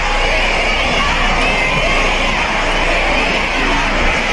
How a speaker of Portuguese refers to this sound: É o público gritando Virgínia, Virgínia no show